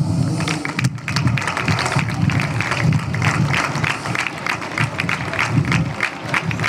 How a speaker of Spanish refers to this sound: Así que nuestro primer aplauso es para vosotras.